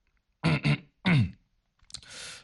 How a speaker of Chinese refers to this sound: 他清了清嗓子才开始说起来。